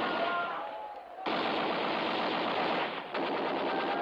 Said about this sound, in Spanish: ¡Maldito loco! ¡Dispara contra nosotros desde la fortaleza! ¡No tenemos dónde guarecernos!